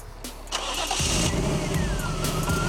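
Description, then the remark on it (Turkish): A car engine that has leaked some of its cooling water cranks with a quick, rhythmic low chugging, then catches and settles into a steady, loud running rumble with a faint rising whine above it. No one speaks. “Motor çalışıyor ama soğutmadan idare edebilir mi?”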